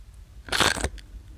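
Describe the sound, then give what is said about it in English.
A single crisp crunch of someone biting into a thin sour cream and chives potato chip, a brief crackly burst followed by a faint click, with no talking. “Look, you can hear the crunch.”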